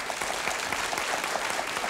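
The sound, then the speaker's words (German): Steady applause from an audience clapping for the band, many hands clapping densely and evenly throughout, fairly loud, with no speech over it. “Klatschen Sie mal für die Kapelle.”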